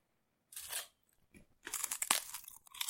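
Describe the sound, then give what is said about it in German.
Crisp crunching of rice cakes: one short crackly bite, a pause, then a longer stretch of dense, dry chewing crunches, fairly loud, with no talking. “Wow, diese Reiswaffen schmecken wie Vogelkotze.”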